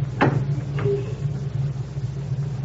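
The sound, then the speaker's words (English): A door being unlocked for Croker and opened: two sharp mechanical clicks a half-second apart over a steady low hum, with no voices. “Unlock your door for Croker.”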